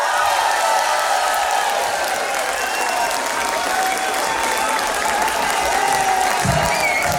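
A large audience applauds loudly and steadily as a music artist is introduced, a dense wash of clapping with cheers and whistles rising through it, sustained at constant strength for the whole stretch.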